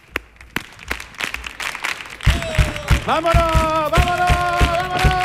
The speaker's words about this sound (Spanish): Venga, ¿cómo puede ser este público que me haga ahí unas palmas a compás?